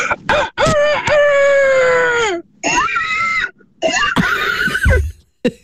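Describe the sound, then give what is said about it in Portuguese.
A person from the city of Porto imitates a rooster crow with a long, strained, harmonic cock-a-doodle-doo, then follows with shorter squealing, grunting bursts like a frightened pig running off, loud. “ficando pelos animais, eu diria que o galo e o porco a fugir seriam os meus preferidos.”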